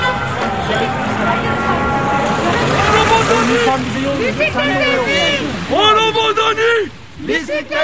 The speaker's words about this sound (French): Alors là, on arrive dans la circulation.